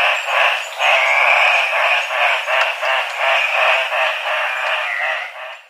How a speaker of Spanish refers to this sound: El trino del gallito de roca, ave nacional de Perú, forma parte del Banco de Sonidos de Aves Colombianas, recopilado por el Instituto von Humboldt y la Universidad de Cornell.